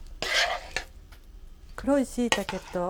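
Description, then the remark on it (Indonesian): A utensil scrapes and clinks against a large bowl as a dish of dark mushrooms and green beans in thick, glossy sauce is generously scooped in from a frying pan, with a few sharp taps, then a voice speaks briefly over the clatter. “それでは盛り付けをしましょう。大きめの器にたっぷりと盛ります。”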